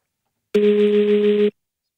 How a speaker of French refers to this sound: C'est quand votre téléphone vibre, mais qu'il est sur une surface.